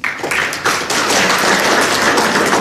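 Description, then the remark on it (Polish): A crowd at an exhibition bursts into loud, steady applause for the artist Agata Lankamer, a dense wash of many hands clapping at once that carries on without pause and with no voices on top. “Agata Lankamer, która miała być z nami, ale tkwi w pociągu prawdopodobnie, więc brawa dla Agaty Lankamer, która jedzie pociągiem.”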